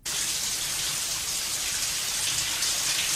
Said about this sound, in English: Raining. It's not. It's a shower. Oh, it's a shower scene.